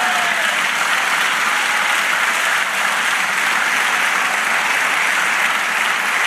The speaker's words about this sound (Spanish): Dale aplauso al Señor.